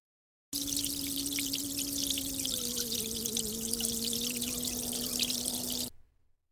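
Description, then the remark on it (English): A steady stream of tap water runs for several seconds while someone washes their hands, a broad hissing rush with a faint low tone underneath, then stops abruptly. No voices are heard. “He'll wash his hands first.”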